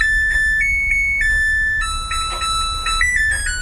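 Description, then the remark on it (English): A washing machine's end-of-cycle jingle: a short electronic melody of clear, steady beeping tones that step up and down in pitch, loud and alone over a faint low hum. “This musician who goes by … was doing laundry when he got inspired by his washing machine. It makes this jingle that sounds like...”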